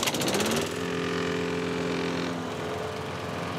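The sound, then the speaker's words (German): A neighbor's lawn mower engine drones steadily during a garden party on a sunny day. It makes a loud buzzing hum, with a rougher, louder burst in the first half second before settling into an even, continuous roar. No voices are heard. “Sag mal, ich höre euch kaum wegen dem Rasenmäher beim Nachbarn.”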